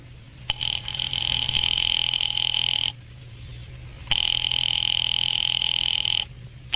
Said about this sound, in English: Ringing Murray Hill, 70093.